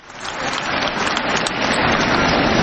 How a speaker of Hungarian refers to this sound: És amikor ilyen halkan tapsoltok, lehet, hogy azért esik nehezetekre hangosan tapsolni, mert talán ti is beleestek ebbe a kategóriába.